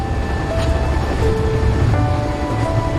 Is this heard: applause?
no